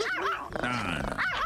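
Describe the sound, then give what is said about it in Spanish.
A small dog's high-pitched yappy barks ring out in quick succession, a short burst played like a buzzer sound effect, with a brief rough growling stretch in the middle. “Ponle un perro de a de veras, ¿qué es eso? ¿Qué es eso? ¿Un chihuahua? Con madre el perro.”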